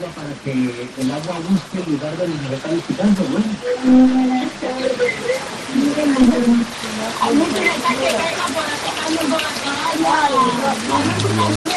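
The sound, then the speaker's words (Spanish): Steady rain pattering down on a hard surface, a continuous hiss that runs the whole time, with voices talking over it. “Sonido del agua.”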